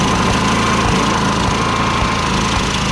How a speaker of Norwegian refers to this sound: Det tror jeg er aggregatet som står og går.